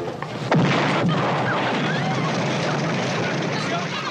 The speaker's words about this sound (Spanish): El beso se interrumpe dramáticamente por el estallido de la bomba.